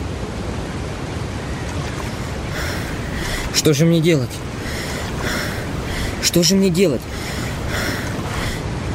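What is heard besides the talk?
roar of falling water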